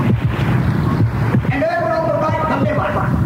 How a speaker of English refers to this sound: Here on the left, the happy little kidney is busy flushing fluids. Just listen. It's music to the ear.